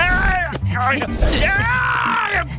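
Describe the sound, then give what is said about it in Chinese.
The cartoon bear character Xiong Er cries out in pain: a loud, drawn-out voiced wail with wavering pitch, rising and falling in a few strained moaning bursts over about two and a half seconds. “是熊二的惨叫声，他肯定是老醉了。”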